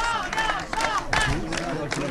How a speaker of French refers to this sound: La fête bat son plein sous les acclamations des militants.